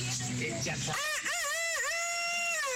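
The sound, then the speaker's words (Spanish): A person imitates a rooster's crow: after a brief low murmur, a loud, drawn-out, high-pitched call wavers up and down in pitch for almost two seconds before trailing off. “Este gallo me parece que se ganó el premio de todos.”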